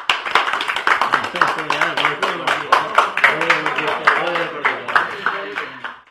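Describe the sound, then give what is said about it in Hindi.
Scattered audience clapping to welcome a young writer about to share her new poem, a steady patter of sharp claps lasting several seconds, with a voice speaking over the applause throughout. “तालियों से उनका स्वागत कीजिए।”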